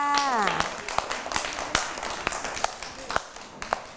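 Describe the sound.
A brief burst of scattered hand clapping for a young girl, with irregular sharp claps ringing out over a softer patter of applause, after a voice speaks at the very start.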